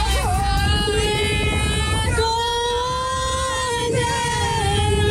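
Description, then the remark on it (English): A group of people sings loudly together in long, sustained notes over a steady low engine rumble and wind noise, aboard a moving boat. “Everyone is singing.”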